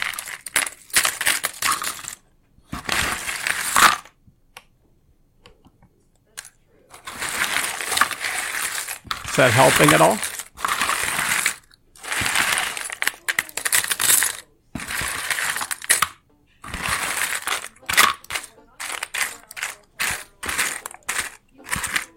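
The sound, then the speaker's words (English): Coins clink and jingle in repeated bursts, metallic rattling and sliding with short pauses between handfuls, fairly loud, with a brief spoken question partway through. “Mike just kept sorting coins.”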